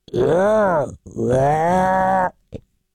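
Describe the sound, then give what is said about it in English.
A person vocally imitates a deer's guttural call: two drawn-out, throaty groaning bursts with rich harmonics, the first rising then falling in pitch, followed by a brief faint grunt. “What would deer make? Would it be like just sort of a guttural, like...”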